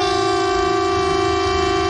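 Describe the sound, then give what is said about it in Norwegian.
A civil defense air-raid siren wails steadily during a test of the emergency warning system by the police and civil defense at 12 o'clock, a loud sustained tone with strong harmonics holding at one pitch, with no voices present. “Og tyfonene?”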